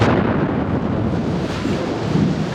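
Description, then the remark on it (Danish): A deep, sustained rumbling boom of a bomb explosion sound effect used on radio to illustrate a sudden event, loud and heavy in the low end, rolling on steadily for a few seconds without a sharp single crack. “Ja, en eksplosion, en bombe.”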